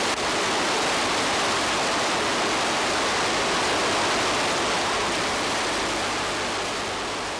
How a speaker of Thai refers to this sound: สายน้ำอันเชี่ยวกรากเมื่อถึงฤดูน้ำหลากในบริเวณนี้คือส่วนหนึ่งของแม่น้ำยมที่ชาวสุโขทัยขนานนามว่าแก่งหลวง